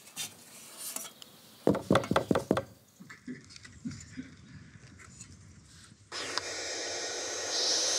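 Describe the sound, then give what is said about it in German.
A quick series of about five sharp, hollow knocks on a wooden nest box, fairly loud, followed by quieter rustling and then a steady hissing from the young birds in the box, in the municipality of Stur. “Da klopfen wir natürlich auch an, wie üblich.”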